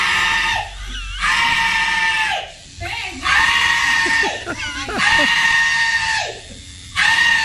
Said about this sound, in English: Her screams, though, reminded me of that person getting that tattoo removed.